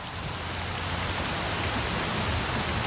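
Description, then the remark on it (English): Steady, dense rain noise with rainwater sloshing around under an overpass, a continuous wash of falling water with a low rumbling undertone, fairly loud and unbroken, with no voices. “Under the overpass, rainwater sloshes around.”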